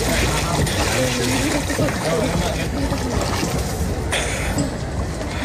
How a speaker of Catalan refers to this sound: Endevinareu que hi ha aigua, són la que remou els rems de les barques que passegen per l'estany, és un dels símbols d'aquest poble i feia anys, de fet, que no hi navegaven.